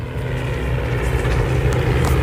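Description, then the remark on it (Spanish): A vintage Spanish Civil War propeller aircraft engine, flown in an aerial battle reenactment at Villanueva del Pardillo, Spain, drones steadily and loudly, a deep continuous rumble with a rough, throbbing texture that holds constant throughout, with no voices. “Y es que hoy esa parte aérea la han recreado desde la Fundación Infante de Orleans con aviones de la Guerra Civil de su colección.”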